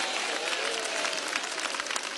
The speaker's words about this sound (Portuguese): Isso, dá uma salva de palmas, vamos lá, bem bonito para Jesus, vamos lá. Mais alegre, palmas e glória a Deus.